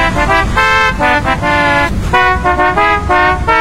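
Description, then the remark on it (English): A programmed novelty car horn on a car at A&M Autoland blares a rapid musical phrase, loud, with short pitched honks stepping through a melody in quick rhythmic bursts, no voices present. “Now at A&M Autoland, purchase any car and we'll program a novelty car horn with the musical phrase of your choice.”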